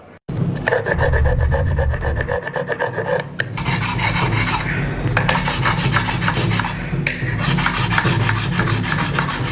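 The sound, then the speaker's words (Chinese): Loud sanding of a Lixin pottery clay pot, the final polishing step of its traditional craft: a continuous gritty rasp of abrasive rubbing with rhythmic strokes, briefly easing around the middle before resuming steadily. No voices. “在我们离心陶那个传统里面，这是六艺古法，这最后一道就是打磨了。”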